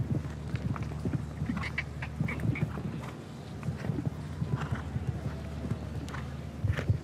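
A horse's hooves clip-clop in a steady, uneven rhythm of sharp knocks over a low, continuous background hum, with a few faint higher sounds scattered through, as the rider helps his uncertain horse with voice and leg pressure and it slips slightly.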